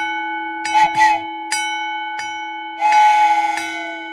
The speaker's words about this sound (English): Well, that train's getting closer. I can see the light coming. Oh, my. It's getting close.